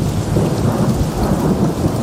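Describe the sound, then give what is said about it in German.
Steady, heavy rain pours down with a deep, continuous rumble of thunder underneath, loud throughout with no voices, with the temperature under 30 degrees. “Es regnet, es ist unter 30 Grad und trotzdem, dass Montag ist, ist doch einfach ein guter Tag, oder?”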